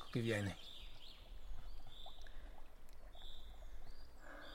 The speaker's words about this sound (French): Les brindilles craquent au sol, martèlent un rythme, pendant qu'un chant d'oiseau, un léger bruissement, nous rappelle la hauteur du décor.